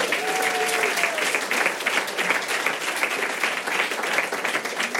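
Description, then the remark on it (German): A comedy-show audience claps steadily for a man at the front, a dense, even wash of many hands that holds for about five seconds, with a faint cheer or whistle at the very start. “Einen Applaus für den Mann hier vorne, bitte.”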